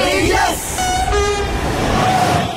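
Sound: passing train with horn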